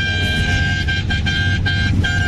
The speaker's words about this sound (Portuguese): Que buzinada boa. Tá quase acabando. Tá acabando o buzinaço. Tá acabando o buzinaço, hein?